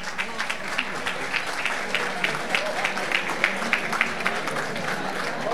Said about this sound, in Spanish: El aplauso para recibirlo.